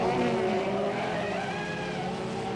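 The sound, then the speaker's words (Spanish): A sports car revs hard as the driver floors the accelerator and pulls away, leaving police behind, with a loud, continuous engine roar while tires squeal in rising, whining streaks, sustained for a few seconds with no talking. “Después acelero mi auto deportivo y los dejo con un palmo de narices.”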